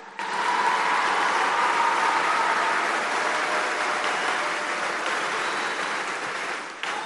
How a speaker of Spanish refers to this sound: Fíjense, con este programa se han salvado muchas vidas. Llegan los profesionales de la salud, que un aplauso porque algunos andan por aquí.